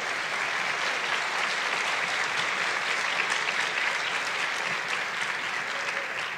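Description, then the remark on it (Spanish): Sustained applause from a large group, given for Jesus, a dense steady roar of clapping at constant loudness for several seconds with no voices standing out. “Da un aplauso a Jesús.”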